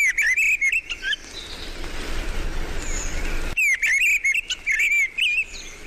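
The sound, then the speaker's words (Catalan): A mistle thrush (Turdus viscivorus) sings loud, fluting phrases in two bursts separated by a pause of soft background hiss, with other faint birds chirping. “En aquest capítol heu escoltat el cant d'aquests ocells. Griva. Turdus pisciborus.”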